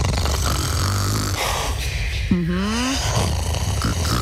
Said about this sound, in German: Also wirklich, wenn jemand neben mir schnarcht, ich mag das. Dann weiß ich, da ist jemand.